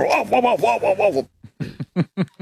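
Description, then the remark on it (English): A man's voice imitates the sound of his own dog during an interview, starting with a run of rapid, whining yelps and then breaking into six or so short, loud, separate barks. “And here is him imitating the sound of his own dog during the interview.”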